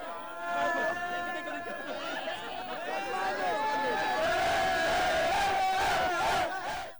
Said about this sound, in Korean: 한국인 관중의 인터뷰도 그 뒤를 둘러싼 멕시코 팬들의 함성 때문에 소리가 들리지 않을 정도입니다.